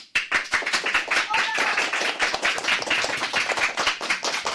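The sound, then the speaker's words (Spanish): A group of fourth-, fifth- and sixth-grade pupils from CEIP Córdoba Ullosa de Ponte Calderas clap together in a dense, fast, uneven burst of applause, loud and steady for several seconds with no talking, greeting listeners from the José Hermida studio of Radio Pontevedra. “Chicos, un aplauso para saludar y decir de alguna manera que estáis aquí.”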